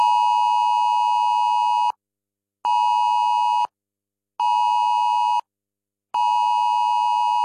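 A mobile phone's 10-second emergency alert siren, sounding in a national test of the alert system, blares a harsh, buzzy electronic tone in four long, even pulses separated by brief silences, loud, with no voices.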